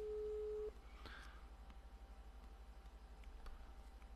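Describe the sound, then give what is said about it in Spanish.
A short, steady telephone busy-signal tone from a phone call that goes unanswered sounds once at the start and cuts off, leaving a low, pulsing line hum and faint background noise for the rest. “Ay, no hizo vaina, no ni atenderle el teléfono.”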